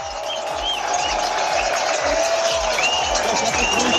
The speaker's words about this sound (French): Alors les coureurs, les meilleurs sont passés depuis déjà près d'une demi-heure, mais le public est encore là dans cette montée du vague, dans ce dernier kilomètre particulièrement difficile.